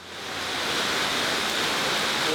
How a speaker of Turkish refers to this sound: Şiddetle akan nehrin sesini takip ederseniz sizi Porto Rico'nun en güzel doğa harikalarından birine çıkaracak olan derme çatma basamaklara geleceksiniz.